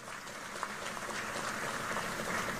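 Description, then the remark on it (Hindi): A crowd claps steadily and densely for a few seconds in honour of BJP candidate Kalita Majhi, a broad wash of many hands at a fairly even loud level, with no voices standing out above it. “कलिता जी के लिए ताली बजाओ जरा।”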